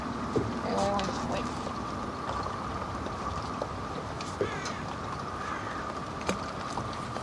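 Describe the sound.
A boat engine drones steadily on the water, a continuous loud rumble with a constant hum, broken by a few sharp knocks and some faint voices in the background.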